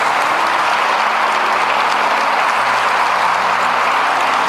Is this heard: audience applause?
yes